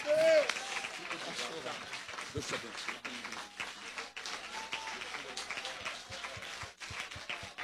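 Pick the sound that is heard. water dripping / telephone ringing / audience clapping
audience clapping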